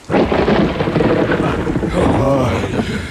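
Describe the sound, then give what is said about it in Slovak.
A loud thunderstorm with hailstones as big as eggs: a dense, continuous roar of pelting ice and rain that fills the whole stretch without a break, with a faint voice briefly audible underneath. “Pozrite, aké krúpy. Ako vajíčka.”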